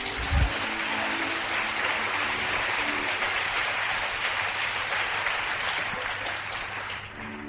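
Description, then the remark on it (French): A church audience claps steadily in a dense, sustained wash of applause that holds for several seconds, with a low hum and faint tones underneath and no voices rising above it. The preacher has called on them to applaud themselves during a sermon. “Alors si tu es d'accord qu'il te casse, applaudis-toi toi-même.”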